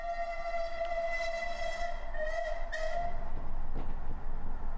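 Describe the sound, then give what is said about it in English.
A passenger train carrying Harper Thorne and Mrs. Kipling rumbles along the rails while a sustained, steady horn blares over it, the rolling clatter growing louder in the second half. “Harper Thorne and Mrs. Kipling took a later train when the following events took place.”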